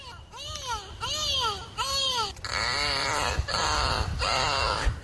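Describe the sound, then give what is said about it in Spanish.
Pink river dolphin calls: a few rising-and-falling whistles, followed by dense, buzzy pulsed squeals that warble on and off, with a low rumbling background throughout. “Este es el sonido del delfín rosado.”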